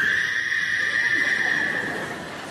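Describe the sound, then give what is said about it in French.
A frog sound effect croaks in one long, steady, high-pitched trill that holds an even tone for a couple of seconds, then fades slightly toward the end, with no voices. “Alors j'ai mis une grenouille, bon, pour la peur.”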